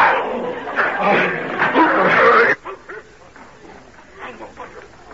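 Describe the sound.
A dog named Badger barks and snarls ferociously in a loud, frantic burst as it attacks a stranger, then quieter intermittent growls and yaps continue with scuffling and agitated human voices.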